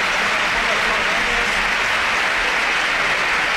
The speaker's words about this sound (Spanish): Sí, sí, sin duda alguna, los campos de sport del Sardinero que se han volcado con Aitor Mañas, ahora se vaya en camilla el terreno de juego y ahora, mira, así suena el Sardinero, que le aplaude todo el mundo.